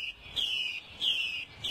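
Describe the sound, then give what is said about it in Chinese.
A wild Chinese hwamei thrush, recorded in mountain forest, sings its courtship song: clear, high whistled phrases, three gliding notes repeated at a steady pace, against a quiet woodland background with no voices. “这是山林中采录的画眉鸟的求偶声”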